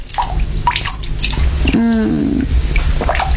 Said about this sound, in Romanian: Robinetul ăsta. Auzi cum picură. O să mai picure.